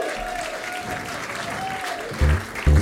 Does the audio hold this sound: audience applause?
yes